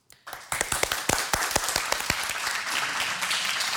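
A crowd breaks into applause, starting with a few distinct sharp claps that quickly swell into steady, dense clapping from many hands, loud throughout.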